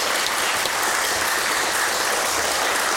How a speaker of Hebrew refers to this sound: אוקיי, גבירותיי ורבותיי, הגברת הראשונה של תוכנית הפטריוטים, קבלו בבקשה במחיאות כפיים סוערות.